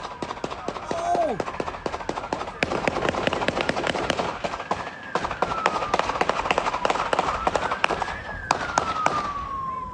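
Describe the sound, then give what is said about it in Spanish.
A rapid, sustained burst of gunshots in a shootout between police and a suspect in a Simi Valley neighborhood, after the suspect's truck crashed into an unoccupied police motorcycle: dozens of sharp, loud cracks firing in quick succession for the full ten seconds, while a siren wails steadily underneath. “Las imágenes captan la persecución hasta que la camioneta del hombre se estrella contra una motocicleta policial desocupada, seguida por una ráfaga de disparos.”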